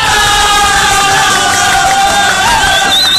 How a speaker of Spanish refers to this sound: Oye, qué bonito, un aplauso para la gente maravillosa de Chanchama.